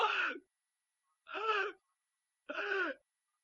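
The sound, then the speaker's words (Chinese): A storyteller's voice imitates the heavy, labored gasping of Emperor Zhu Yuanzhang in his bed at the Wanshou Palace: three drawn-out, throaty breaths at a slow, even pace with short silences between them, fairly loud. “到了7月23这天，他们就在万寿宫围在朱元璋的床前，一看呢，朱元璋是大口喘气儿。”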